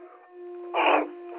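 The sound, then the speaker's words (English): A dog howls in a steady, drawn-out tone, swelling into a louder, strained burst partway through before easing back into a thinner whine, with no talking. “Oh, you sound like just quieting dog down.”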